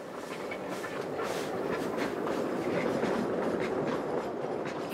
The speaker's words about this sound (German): In tiefster Dunkelheit geht die Garrett NGG 113 auf Strecke.